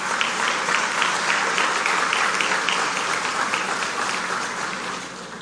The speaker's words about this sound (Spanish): Este legado sigue vivo y acrecentado por Monseñor Carlos Tomás Morel, rector y gran canciller, y el reverendo padre don Francisco Antonio Jiménez, vicerrector ejecutivo, para quienes les pido de nuevo un más fuerte aplauso aún.